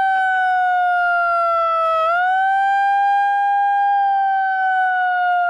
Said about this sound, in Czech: Jeden z protestujících se pak snaží znemožnit zahajovací ceremoniál s malou přenosnou sirénou.